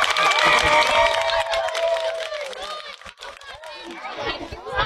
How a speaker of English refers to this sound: Let's give that fish a round of applause.